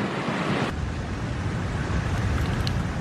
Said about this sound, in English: And there goes another wave. This is what I'm... Whoa!